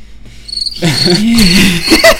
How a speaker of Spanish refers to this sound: Grillos en la noche.